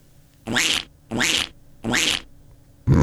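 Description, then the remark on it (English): A duck quacking sound effect: three quacks in a steady rhythm, each loud, raspy and nasal, with a fourth beginning just as the sound cuts off. No one speaks. “Is that a duck? Apparently it's a duck. Great sound effect, mate.”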